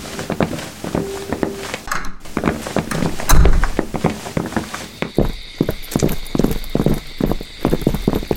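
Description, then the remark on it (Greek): Footsteps walk steadily along a hard road surface as night begins to fall, a brisk, even rhythm of crisp impacts that continues throughout with no talking. “Δεν θα πεθάνω εγώ στο περπάτημα για να παίξω παιχνίδια με φαντάσματα.”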